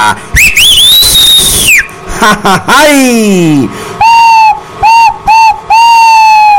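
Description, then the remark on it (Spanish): A loud, piercing human whistle rises and holds, followed by a long, falling shout. Several short, steady whistled blasts come close together, all loud. “Grita un jaricista y un chiflido …, claro que sí.”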